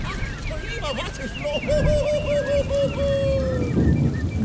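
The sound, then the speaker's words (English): Steady rain hisses throughout with a deep rumble of thunder underneath, while a voice talks over the downpour. “Ach, somebody has stolen my thunder. I think someone has left the shower running.”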